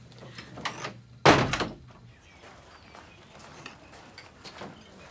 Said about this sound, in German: Tür zu.